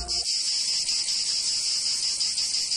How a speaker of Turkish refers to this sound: Ağustos böceğinin yazları şarkı söyleyip tembellik yaptığı, kışında bu yüzden aç kaldığı masalının gerçek olmadığını bilirsiniz.